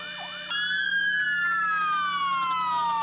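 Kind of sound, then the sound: vehicle, fire truck sirens wailing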